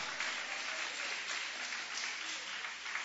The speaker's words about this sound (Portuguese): Toma o vosso assento, guarda a Bíblia com carinho e podem aplaudir a Deus. Pode louvar, pode exaltar.